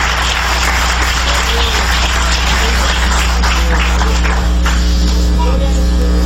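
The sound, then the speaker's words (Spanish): An audience at an evangelical church service claps in praise to the Almighty, a dense, sustained burst of applause lasting several seconds, mixed with scattered crowd voices over a steady low electrical hum. “Dale un aplauso de alabanza al Todopoderoso.”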